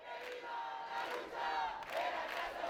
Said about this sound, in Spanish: 8 de la mañana, está cortada la calle Nicolás Estebanes de Las Palmas de Gran Canaria. La policía desplegada, un piquete de derecho al techo, se concentra delante del número 8.